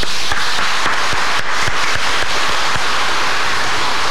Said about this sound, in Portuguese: Então você que é avó, avô, você que está em casa, os avós, que a gente tem que ter carinho, respeito, nós queremos saudar os avós que estão aqui na igreja também e aqueles que nos acompanham com uma salva de palmas.